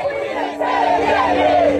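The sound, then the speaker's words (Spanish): A large crowd at a protest demonstration about water shouting together in a loud, sustained roar of overlapping voices, with rising and falling chant-like tones, chanting "¡El agua no se vende!" “¡Cuánta gente en esa manifestación!”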